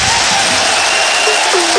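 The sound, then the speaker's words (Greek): An arena crowd at a Panathinaikos–Valencia basketball game applauds player Elarea as he goes to the bench, a dense, steady wash of clapping that holds loud throughout, with a few faint voices and whistle-like tones rising above it. “Ελαρέα πάει στον πάγκο και χειροκροτείται.”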